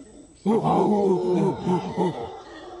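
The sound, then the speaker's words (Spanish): Deep, rumbling howler monkey calls from overhead start abruptly and swell in loud, pulsing waves, with harmonic groaning roars rising and falling over a couple of seconds. “Los monos aulladores son grandes y tienen voces fuertes.”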